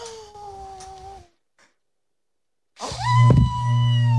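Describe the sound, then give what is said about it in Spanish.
A child's high, strained vocal wail, then a pause, then a louder burst with a breathy puff, as the child imitates the wolf blowing as hard as it can. “¿Cómo de fuerte sopló el lobo?”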